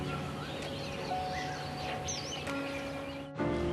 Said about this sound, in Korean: 와, 아주 아침에 이 새소리와 이 평온한 느낌에 푹 자고 잘 깼습니다.